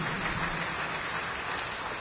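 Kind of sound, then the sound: crowd, audience clapping loudly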